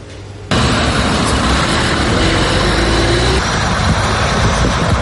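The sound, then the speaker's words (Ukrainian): Loud, steady roar of buses carrying Ukrainian soldiers as they cross the border into Ukraine, a broad rumbling engine and road noise that swells in after a brief quieter moment and holds for the rest. “Щойно автобуси із українськими захисниками перетнули кордон.”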